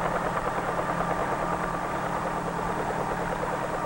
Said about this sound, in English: When the blades move fast enough, they provide the lift necessary to raise the helicopter off the ground and permit it to hover.